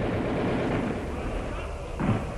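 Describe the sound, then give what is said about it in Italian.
Gunshots boom through a continuous low rumble, with a heavier blast standing out near the end. The shots sound muffled. “E gli spari? Ancora degli spari?”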